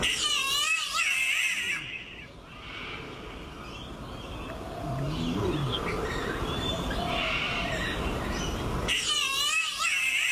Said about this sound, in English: Here's another bird. It's the green catbird.